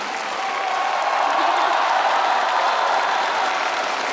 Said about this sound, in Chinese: 所以在我们接下来马上开出优秀女演员奖的时候，我建议我们现场的朋友们，尤其是热情的我们好客山东烟台的朋友们，为我们这些优秀的女演员们响起掌声，给他们加油，给他们呐喊。